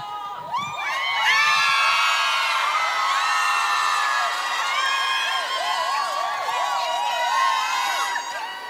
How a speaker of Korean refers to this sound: 대한민국에 정말 수많은 직업들이 있지만 물 마실 때마다 느낍니다. 가수가 진짜 최고구나. 물만 마셔도 이렇게 소리 질러주시고 환호해주시고 이런 직업이 어디 있습니까 세상에.